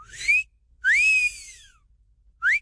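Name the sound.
person whistling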